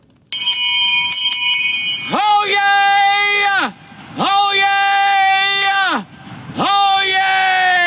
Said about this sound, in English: He's a loud boy. Yeah, his voice carries. I get it. I guess that's why he's a town crier. Yeah. He broke a record, though.